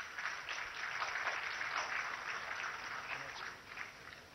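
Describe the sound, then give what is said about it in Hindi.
A large audience at the National Handloom Awards 2025 claps steadily and continuously, welcoming a weaving-category award winner from Tamil Nadu state, a dense, crackling wash of applause that stays loud and even for several seconds without pause or talking. “जोरदार तालियों से स्वागत कीजिए बुनाई वर्ग के लिए ही तमिलनाडु राज्य से आए”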